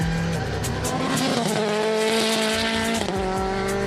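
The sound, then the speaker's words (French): A rally-derived race car's engine roars loudly and steadily on a circuit, its pitch climbing through gears with a brief shift dip near the end, accompanied by faint tire noise and no talking. “il y a beaucoup de technologie du rallye dans cette voiture.”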